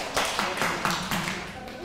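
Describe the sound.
A short round of steady rhythmic hand clapping, about six or seven sharp claps at an even pace, moderately loud, with faint voices mixed underneath.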